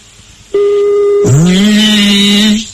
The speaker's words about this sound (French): Allez, on y va, le numéro de téléphone est composé, allez.